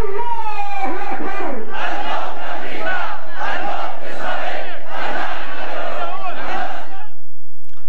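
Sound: crowd chanting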